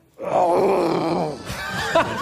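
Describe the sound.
A person at the Hotel Beliàsitges imitates a lion's roar with one long, throaty, growling groan that holds steady, then breaks into a rougher, raspier burst toward the end.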